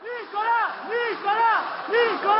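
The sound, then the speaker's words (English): A small crowd shouts cries of support for former French president Nicolas Sarkozy as he walks with his wife Carla Bruni from his home to a waiting car on his way to prison, several voices overlapping in rising and falling calls that repeat roughly every second, loud throughout. “Nicolas Sarkozy left his home this morning and to cries of support from a small crowd walked with his wife Carla Bruni down to a waiting car.”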